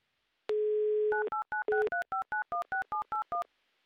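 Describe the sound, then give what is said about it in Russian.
A steady telephone dial tone hums briefly, then gives way to a quick, even run of about a dozen beeping touch-tone keypresses as a call is placed to a listener in Stepnoye, with no one talking. “Звоним.”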